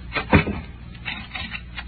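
A door thuds shut with one solid knock, followed by a few softer clicks and rattles as the door is locked.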